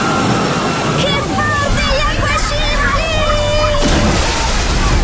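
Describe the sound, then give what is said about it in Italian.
Steady water sloshing and splashing in the wave pool of the Terme di Giunone thermal water park in Caldiero, Verona, loud and continuous, with a background babble of voices and children calling out. “Il divertimento della piscina ad onde. Mi arriva un altro!”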